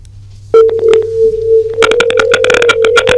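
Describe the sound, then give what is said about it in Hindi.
A steady electronic phone tone starts abruptly and holds, overlaid with rapid clicky beeps and tone bursts, as a farmer's call comes in to the Kisan Vani programme; fairly loud. “हाँ भाई, ये संदेश ला सुने, किसान भाई का फोन आता है एक ठन डॉक्टर साहब।”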